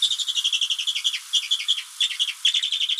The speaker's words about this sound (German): Der größte Vogel der Alpen mit einer sehr harmlosen Stimme. Vor diesem Vogel, vor dem Bartgeier, haben sich die Leute früher gefürchtet.